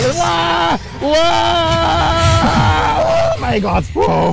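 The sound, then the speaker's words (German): A person screams loudly on a fairground drop ride, long sustained wailing cries broken by a couple of brief gasps for breath. “Ich liebe diesen Schrei.”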